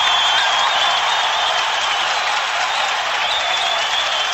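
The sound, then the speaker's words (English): A hockey crowd roars and applauds after Greg Johnson's power-play goal ties the game 4-4 for the Red Wings against the Sharks, a loud, steady wall of cheering and clapping that holds at full strength for several seconds with no voices speaking over it. “you will know by the sound of the crowd”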